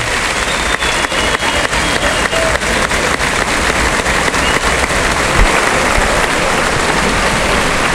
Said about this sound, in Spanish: Ahí sale Roca Rey a recibir la ovación del público de Málaga de este tercer toro bis, toro sobrero, Fuerte ovación para Roca Rey.